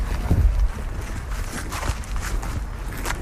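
Steady footsteps crunch along outdoors at an even walking pace as people walk a round at Stichting De Fruithof in Frederiksoord, Drenthe, with a breezy low rumble in the background and no one talking.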